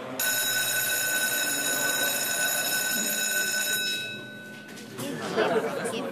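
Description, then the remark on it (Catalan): A crowd of students in a classroom chatter over one another in a steady, busy murmur, while a high electronic ringing tone holds over the first few seconds before cutting off, leaving the chatter alone. “Avui esteu molt xerraires.”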